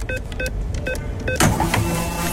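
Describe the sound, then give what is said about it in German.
A Radio Regenbogen on-air sound effect for loading a fuel card during the programme: a quick run of short, bright electronic beeps, then a sudden loud whooshing, whirring burst that carries to the end. No one speaks. “So klingt das Ganze, wenn wir die Karte hier im Programm aufladen.”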